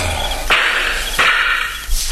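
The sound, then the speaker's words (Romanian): Loud gunshots, fired from two sides, crack out one after another, three sharp reports spaced at an even, steady interval, each with a brief ringing tail. No one speaks. “S-a tras! Da, e adevărat, Pinto! Patru focuri! S-a tras din două părți!”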